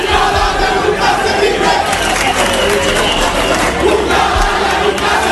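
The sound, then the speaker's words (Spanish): A large crowd in Ceuta cheers and applauds President Vivas in a steady, loud roar of voices and clapping that fills the whole stretch without pause, with shouts rising over the dense wash of noise. “El pueblo de Ceuta ovacionando al presidente Vivas.”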